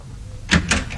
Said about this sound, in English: I've been knocking at your door the longest time.